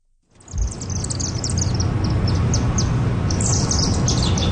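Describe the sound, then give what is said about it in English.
Many chimney swifts, some 30 or 40 birds, chirp and chitter overhead at a chimney in Chinatown around 9 o'clock at night, in rapid, overlapping bursts of high twittering, steady and fairly loud over a low rumble of city background noise. “That iconic chirping, chittering noise.”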